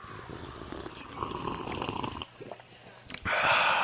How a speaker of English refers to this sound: So, hey, wherever you are, grab your coffee mug and let us together in community and communion take a sip of coffee on the count of three.